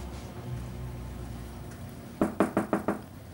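Five quick, firm knocks on a door in an even rhythm, following a stretch of quiet room hum. No voices.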